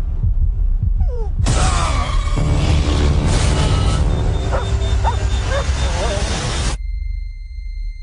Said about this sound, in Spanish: Sí, a partir de aquí son solo ladridos y sonidos.